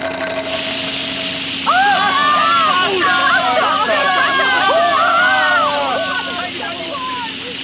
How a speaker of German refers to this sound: Tatsächlich. Wasser. Eine riesige Wasserfontäne schießt in die Höhe.